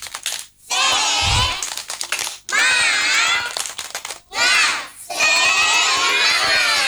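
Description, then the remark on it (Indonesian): A group of children perform the 'Tepuk Semangat' clapping chant, their high voices chanting loudly in unison in three energetic bursts separated by brief pauses, with claps mixed into the shouting. “Tepuk semangat.”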